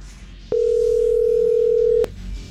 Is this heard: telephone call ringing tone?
yes